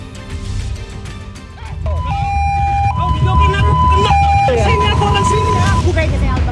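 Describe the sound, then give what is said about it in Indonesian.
A loud ambulance siren alternates between two tones, kicking in after a couple of seconds over busy street noise and indistinct voices, as a motorcyclist blocks the ambulance on Jalan Muhammad Nohel, Sukmajaya, Depok, West Java, on a Sunday afternoon. “Rekaman video amatir memperlihatkan detik-detik pengadang mobil ambulans di Jalan Muhammad Nohel, Sukmajaya, Depok, Jawa Barat pada Minggu sore.”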